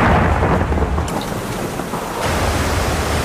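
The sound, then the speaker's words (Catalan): Heavy rain pours steadily while deep thunder rumbles continuously underneath, a dense, loud wash of noise with no voices and no pauses, in a Catalan government campaign advert warning about the risks of rain and floods. “Amb les pluges, tot pot canviar de cop.”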